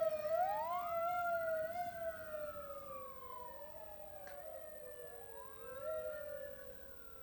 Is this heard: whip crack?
no